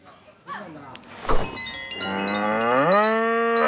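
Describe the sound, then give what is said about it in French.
A cow covered in green powder during the Holi festival moos in a long, rising bellow with strong harmonics, preceded by a short thump and a bright metallic ring. No one speaks. “Tiens, une vache.”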